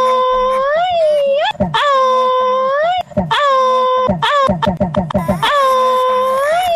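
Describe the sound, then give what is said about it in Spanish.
Loud, siren-like wailing: several long, sustained cries that swoop up and down in pitch, broken by short choppy sobbing bursts between them. “¡Parece ambulancia!”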